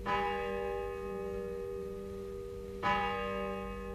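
A church bell rings in the distance, carried intermittently on the wind, two strikes about three seconds apart, each leaving a long humming resonance that lingers under a low, steady background murmur.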